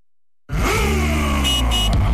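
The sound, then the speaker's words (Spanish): After a brief silence, the four-cylinder engine of a new CF Moto 500 SR motorcycle roars in loudly, its pitch climbing steadily as it accelerates, with no voices over it. “Conoce la nueva CF Moto 500 SR, equipada con un impresionante motor de 4 cilindros, diseñado para quienes buscan potencia, sonido y emoción en cada aceleración.”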